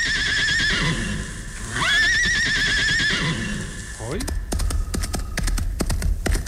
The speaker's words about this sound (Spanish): Hoy. Se oye el caballo blanco.